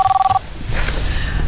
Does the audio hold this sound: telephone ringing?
yes